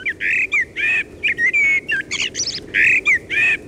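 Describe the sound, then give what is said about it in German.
A Eurasian blackbird sings a varied, fluty song, with rich warbling phrases broken by short pauses and a few higher twittering notes in between, all set over a soft background hiss. “Auf Platz 1 die Amsel.”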